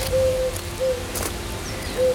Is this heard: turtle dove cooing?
yes